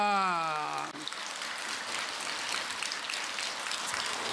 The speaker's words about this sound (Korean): 몸을 운전해 가면은 가는 곳곳마다 편안하고 아름답고 건강하고 즐겁고 행복하게 살아가게 된다는 것을 믿으면은 합장한 손으로 박수를 부탁합니다.